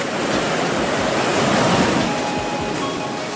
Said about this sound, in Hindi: हम समुद्र तट पर जाते हैं। ऊंची नीची लहरें मेरे चारों तरफ उठती गिरती हैं।